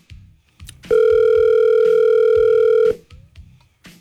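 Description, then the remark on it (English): A phone ringback tone on an outgoing call sounds once, a loud, steady electronic tone lasting about two seconds over faint, rhythmic low thumping in the background. “His phone loud today.”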